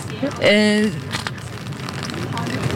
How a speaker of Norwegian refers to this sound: Vi hører det knitre litt i paraplyer der, men folk lar seg ikke skremme av regnet som nå faller over Oslo. Det virker på ingen måte som folk lar seg skremme av regnet.